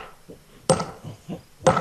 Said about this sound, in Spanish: Un video muestra al diputado ultraderechista Zvi Sukot de la Knesset, o sea, el Parlamento israelí. Destruyendo a martillazos un monumento a los mártires palestinos en una aldea de Cisjordania.